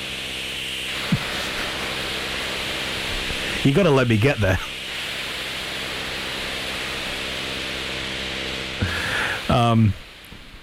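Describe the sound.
A dense, unchanging wall of harsh noise music, all roaring static hiss, plays loud and steady throughout, while a voice briefly speaks over it twice.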